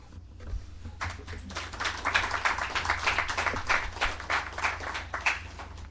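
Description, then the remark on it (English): A small crowd at a live music performance claps steadily for several seconds, a dense patter of overlapping hand claps at an even, moderate loudness with a low hum underneath. No one speaks. “Thank you for clapping.”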